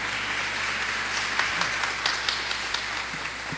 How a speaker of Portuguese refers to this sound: Coloca a Bíblia sobre o seu colo e vamos todos aplaudir essa santa palavra.